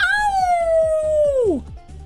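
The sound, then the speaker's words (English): A single wolf howl, a long sustained tone that slowly falls and then drops sharply at the end, loud, with faint rhythmic low background noise. “A wolf? Yes.”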